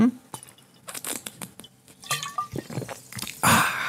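Water is poured into a drinking glass during a short water break on Radio Kärnten, with irregular splashing and gurgling bursts and a brief ringing rise in pitch, ending in a louder final gush.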